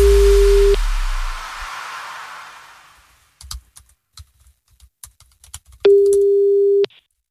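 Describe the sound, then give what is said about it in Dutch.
A telephone ringing tone on the line before the call is answered: a steady, clear beep of about a second, a pause with faint clicking and tapping, then a second identical beep. No one speaks. “Ja, hij neemt de telefoon op.”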